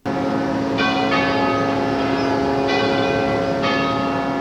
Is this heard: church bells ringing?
yes